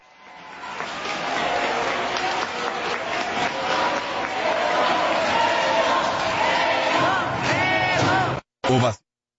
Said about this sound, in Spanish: Así fue la ovación. Hoy estuvo en grande, estuvo seria. Qué bueno, qué bueno. Se lo merece Memo Ochoa,